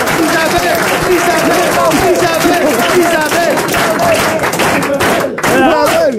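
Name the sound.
audience applauding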